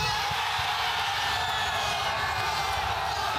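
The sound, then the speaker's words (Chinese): A large crowd of fans at a World Cup fan festival roars and cheers as Gio Reyna scores a record fourth US goal against Paraguay. The noise is a steady, dense wash with scattered whoops and yells mixed in, loud and unbroken for the whole stretch. “随后吉奥雷纳创纪录的第4个美国队进球让全场观众陷入狂喜之中。”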